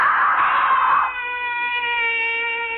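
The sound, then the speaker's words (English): A person screams loudly in a dream, starting with a harsh, raw burst and then settling into a long, sustained high-pitched wail that holds steady for a couple of seconds. No talking is heard. “Why am I screaming?”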